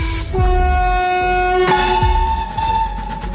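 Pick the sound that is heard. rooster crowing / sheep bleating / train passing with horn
train passing with horn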